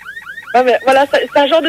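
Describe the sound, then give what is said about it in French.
A police siren sounds: three quick rising whoops, then loud, harmonically rich wails that waver up and down in several pulses over under two seconds. “Voilà, c'est un genre de sirène comme ça.”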